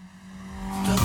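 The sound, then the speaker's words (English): A car, a Tirana, revs hard and rises in pitch as it is driven fast past a studio, growing steadily louder to a roar at the end of the brief pass. No audio effects are used. “There are no audio effects used in this segment, and Stan literally just guns the Tirana past the studio.”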